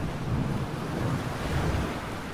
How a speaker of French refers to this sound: Imaginez. 4h du matin, la mer est déchaînée, des vagues martèlent la coque. Une pluie battante s'abat sur le bateau.